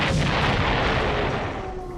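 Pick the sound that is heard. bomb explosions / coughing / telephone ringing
bomb explosions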